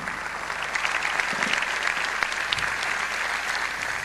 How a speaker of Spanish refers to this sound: merecen un fuerte aplauso también de todos los que están acá, porque también sobre ellos se desplegó una feroz persecución.